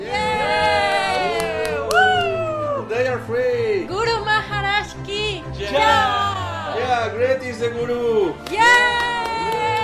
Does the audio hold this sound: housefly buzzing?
no